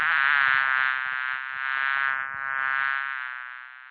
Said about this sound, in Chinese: 稍后呢，这位局长要上厕所，没料到，哎呦，这厕所里全是苍蝇啊！